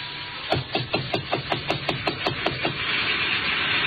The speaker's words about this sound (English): I got to Chinook's and it was closed. I knocked on the door.